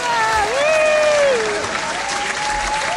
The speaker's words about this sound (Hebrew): ועוד כפיים, כי למה לא? כי אנחנו יכולים.